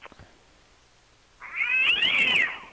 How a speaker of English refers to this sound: You want a cat scream? Yeah.